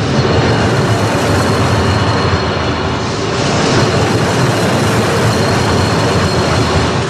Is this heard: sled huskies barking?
no